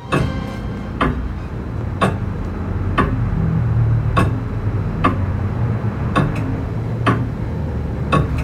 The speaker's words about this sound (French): l'horloge égrène les heures, les jours et les mois.